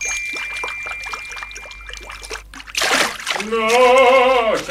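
Steady splashing and dribbling water patters for a few seconds as rain falls, followed by a louder gush and a long, strong voiced cry at the end.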